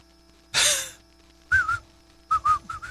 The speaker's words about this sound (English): And don't forget to whistle.